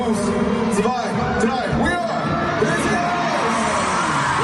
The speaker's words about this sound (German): Haben die auf Deutsch gezählt sogar? 1, 2, 3, ne? 1, 2, 3, Xufa. Ist der Klassiker, aber das reicht, damit tausende Leute jubeln.